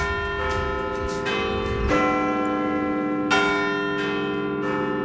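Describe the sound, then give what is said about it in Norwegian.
Church bells ring out over a city in a slow sequence of loud, resonant strikes, each one layered with a long shimmering ring that hangs over the next; no voices are heard. “Etter en stund hører jeg noen svært kjente klokkeslag over byen.”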